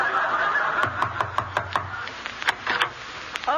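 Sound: knocking on a door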